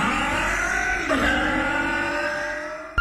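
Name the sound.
car engine running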